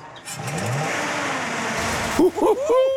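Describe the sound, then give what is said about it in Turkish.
An old, retired flathead car engine, with its valves inside the engine rather than on top, revs up with a rising, throaty roar, holding a broad rumbling tone before the throttle drops and a voice briefly speaks over the fading engine. “Bu emekliye ayrılmış bir motor ama çok sevimli bir sesi var.”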